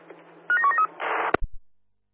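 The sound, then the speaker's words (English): A quick run of about five short touch-tone dialing beeps, followed by a burst of hissing static and a sharp click as the line cuts off. No one speaks. “Yep, sure. Dialing now, over.”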